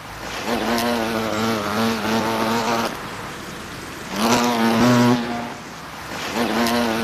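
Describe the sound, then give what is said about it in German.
A steady, loud buzz from a hornet's beating wings, with a low droning hum whose pitch wavers and rises in a few surges, like a hornet hovering and shifting. No talking. “Und die Michaela Petko aus Elsterheide war eine derjenigen heute, die sich mit den Ohren mutig dicht an den Flügelschlag dieses Insekts gewagt hat.”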